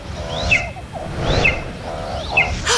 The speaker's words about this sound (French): Ah, enfin, l'aigle repart. Il a raté son coup.